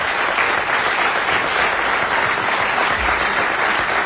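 A crowd applauds steadily, a dense wash of clapping that stays loud and even for about four seconds with no voices on top.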